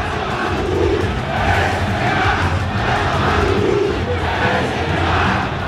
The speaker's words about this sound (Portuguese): Olha só, a vaia. É o Arão puxando a fila. Xingamento pro Neymar, peraí.